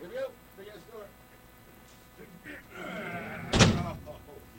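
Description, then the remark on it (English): A heavy door slams shut with one loud, booming impact that rings out briefly, preceded by muffled voices talking in the background. “Okay, here we go. Big ass door.”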